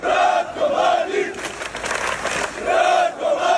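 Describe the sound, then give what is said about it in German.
Hundreds of people march through the streets of Zvornik in eastern Bosnia, Republika Srpska, chanting the name of convicted war criminal Ratko Mladic in unison, loud rhythmic shouted phrases rising and falling in repeated bursts, with a broad roar of many voices filling the gaps between chants. “Hunderte Menschen ziehen durch die Straßen. Sie skandieren den Namen des verurteilten Kriegsverbrechers Ratko Mladic, tragen Flaggen mit seinem Konterfei”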